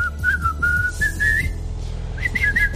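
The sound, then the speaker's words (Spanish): A bright whistled melody in two phrases separated by a short pause, gliding up and down over a steady low rhythmic backing beat. “Esa silbadita.”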